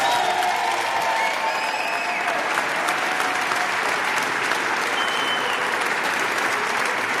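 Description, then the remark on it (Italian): A live studio audience at a Rete 3 radio broadcast applauds steadily, dense clapping filling the whole stretch at a constant, fairly loud level, with a few faint cheers or whistles mixed in early on. “Fatevi un applauso.”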